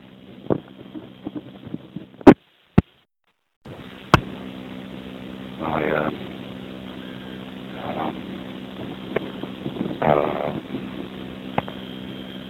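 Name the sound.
strong wind blowing outdoors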